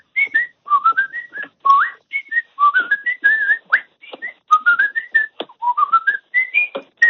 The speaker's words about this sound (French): Je conduis, je siffle. J'adore siffler.